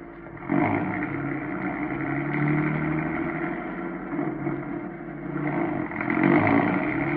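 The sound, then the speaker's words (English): A car engine roars steadily, revving and surging in volume a few times as the car drives fast, with no voices over it. “I don't know whether this bus will stay with him if he goes any faster.”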